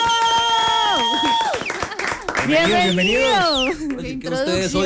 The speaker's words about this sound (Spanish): Y quiero que los saludemos con un fuerte aplauso.